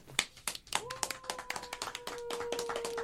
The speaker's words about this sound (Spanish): Bueno, aplausos.